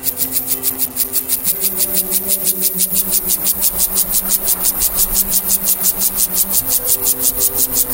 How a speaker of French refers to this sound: Alors oui, ce n'est pas un oiseau, hein, mais un criquet. Mais pas n'importe lequel. Les orthoptéristes, les spécialistes de ces animaux, le nomment Gomphocerus sibiricus, que l'on pourrait traduire par gonfocère de Sibérie, c'est un nordique